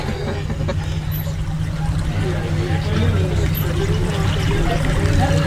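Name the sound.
boat moving through water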